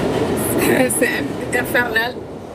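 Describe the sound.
A subway train rumbles along steadily with a continuous low roar and faint rattling, while indistinct voices talk over the noise inside the carriage.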